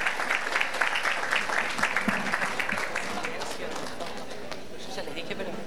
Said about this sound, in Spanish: El aplauso para él, para recibirlo aquí en el escenario.